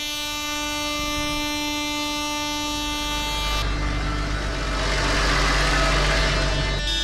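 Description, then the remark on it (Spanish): At a protest march of about fifty tractors arriving at the Basque Government headquarters in Lakua, in the capital of Álava, a long, steady tractor horn blares over a low engine rumble, then heavy tractor engines roar and swell loudly for several seconds, with no talking. “El ruido de las bocinas y los motores se ha vuelto a escuchar en la capital alavesa.”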